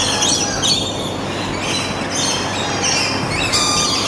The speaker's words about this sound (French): Vous les entendez, les loriquets? Eh bien voilà, vous pouvez aller les découvrir, ces jolis oiseaux tout rouges avec les cacatoès dans leur nouvel environnement. C'est à Biotropica, les jardins animaliers, c'est à Val-de-Reuil,